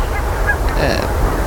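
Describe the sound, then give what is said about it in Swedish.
Geese honk in a short burst of overlapping calls by the sea under a clear starry sky, over a steady rush of wind, about 5 metres per second from the south, and surf. “De rör sig hela tiden, gässen.”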